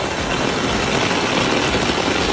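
A torrential downpour in the south of the province of Tarragona, Spain, dropping up to 200 litres per square metre, roars in a steady, dense wash of hiss, loud and unbroken for the whole stretch, with a low rumble underneath and no voices.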